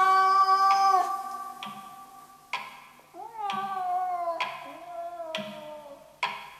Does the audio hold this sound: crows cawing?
no